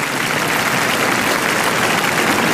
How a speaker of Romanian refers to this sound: Ce vorbești? Nu putem noi vorbi cât pot ei aplauda. Așa e când ești la Cannes, da? Așa s-a auzit la începutul săptămânii trecute. Acestea sunt aplauzele de la proiecția filmului Fjord al lui Cristian Mungiu la Cannes.